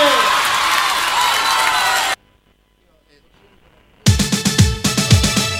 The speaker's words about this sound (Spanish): aplauso bien fuerte.